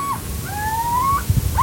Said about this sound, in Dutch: En het is het kort alarmroepje wat je nu hoort.